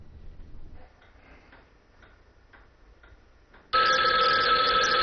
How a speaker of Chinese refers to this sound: 余则成接到电话，得知吴站长已经回来。